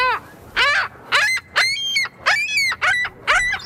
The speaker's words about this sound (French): on va l'écouter d'ailleurs, le goéland bec cerclé. Comme ça, les gens vont le reconnaître.